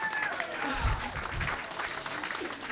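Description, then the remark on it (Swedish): A large crowd claps and cheers steadily while taking photographs, the dense applause filling the space with scattered whoops and voices mixed in, sustained without a break. “Folk fotograferar och jublar och ser väldigt glada ut.”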